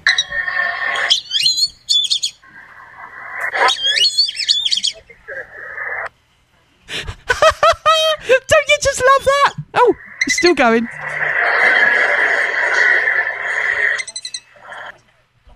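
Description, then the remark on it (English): Black-bellied whistling ducks give a series of shrill, squeaky whistled calls in bursts, growing denser and busier midway, with a person briefly speaking over them. “I asked the A-lady, what does the sound of a black-bellied whistling duck sound like?”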